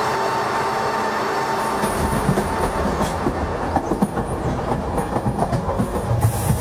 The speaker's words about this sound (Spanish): Domingo 18 de enero de 2026, 6 y 10 de la tarde. De la estación Puerta de Atocha sale el tren Alvia 2384 Madrid-Huelva con 191 pasajeros.